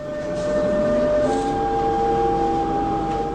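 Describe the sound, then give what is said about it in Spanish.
A subway train pulls into a station, its steady rumble overlaid by sustained metallic squealing tones that shift in pitch as it slows, loud with no voices. “Y ahí arribamos a la estación del subte”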